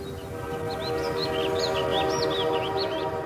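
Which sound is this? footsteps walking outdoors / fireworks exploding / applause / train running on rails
train running on rails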